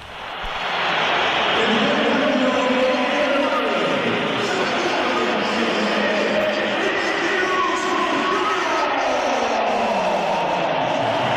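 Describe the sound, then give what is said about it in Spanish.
A large crowd at the Bernabéu stadium whistles and jeers at Vinicius as he leaves the match after being substituted, a loud, continuous wave of shrill whistles layered over a dense roar that swells in and holds steady throughout. “Vamos a oír los pitos a Vinicius cuando se iba del partido.”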